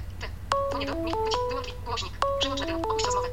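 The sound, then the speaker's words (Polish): An iPhone ringtone for an incoming call plays a bright, stepped electronic melody that repeats twice in quick succession, clear over a low steady background hum. “Tak, i zaraz posłuchamy, jak u mnie dzwoni iPhone.”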